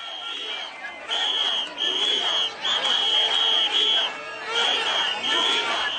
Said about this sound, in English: Carrying Spanish flags, they shouted a unified Ceuta will never be defeated and invaders go home, referring to the migrants still in the territory.